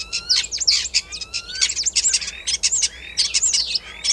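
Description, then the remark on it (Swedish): A common starling sings in a busy stream of whistles, chirps and clicks, slipping imitations of other animals into a fast, varied, continuous medley, including calls of wood sandpiper, crane, fox, common snipe, magpie and yellowhammer. “Ska vi ta och lyssna på vad du och Mats Ottosson hör för andra djur här när, som staren härmar?”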